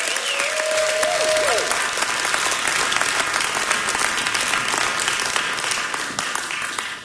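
A crowd applauds steadily and loudly for about seven seconds after a live music performance on the radio show Mountain Stage in West Virginia, dense clapping with a few cheers and a brief whistle early on, tapering slightly at the end.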